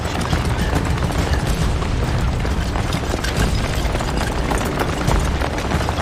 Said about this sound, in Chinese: 南昌起义，在我们这里也有响亮的枪声。